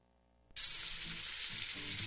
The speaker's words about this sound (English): Sizzle, smoke, flavor you don't forget. At Pep's Pork, we don't rush perfection. Every cut is seasoned just right, slow cooked to tender, juicy greatness, and served with that bold, mouth-watering taste you crave.